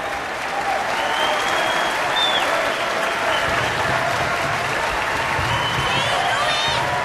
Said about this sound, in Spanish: El público aplaude. El público se pone de pie para aplaudirles a Miles y a Ruby.